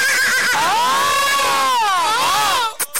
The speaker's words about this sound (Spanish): ¿Vamos a sacar mi caballo, carnal? Sácalo, sácalo,